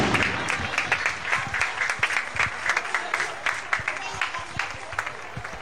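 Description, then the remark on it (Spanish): Final applause from a crowd, many hands clapping in a dense, irregular patter with sharp individual claps standing out, moderately loud and continuous throughout, with faint voices mixed underneath. “y los aplausos finales.”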